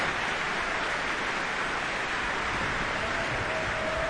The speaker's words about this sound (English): And while the applause for the Cleveland Orchestra continued for several more minutes with great appreciation for their performance of the Verdi Requiem, we are bringing the first half of this program to a close.